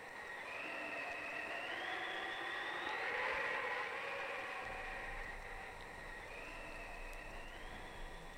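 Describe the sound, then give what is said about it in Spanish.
Steady, hissing wind blows throughout, with thin whistling tones that rise and fall as gusts swell and ease, like a snowstorm howling outside. “¿Por qué ese ruido de nieve y viento, abuela?”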